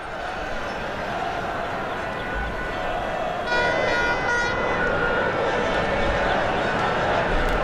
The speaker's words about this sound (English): Lots of honking, lots of cheering. I can see on my screen a good gaggle of people with plenty of Spanish flags and wearing lots of red, getting ready for the parade a little bit later on.